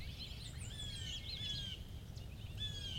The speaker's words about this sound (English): What's that? A Blue Jay.